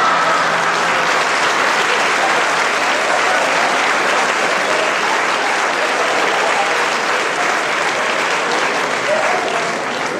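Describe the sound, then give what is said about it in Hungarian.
Loud, sustained audience clapping fills the whole stretch, a dense steady roar of many hands with no pauses and only a slight fade at the very end. “Ő még folytatná, de mi hangos tapsolással odébálunk”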